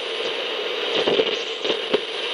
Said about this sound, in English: Imagine that, just static. You'd be like, hey, wait a minute. There's something wrong with the radio.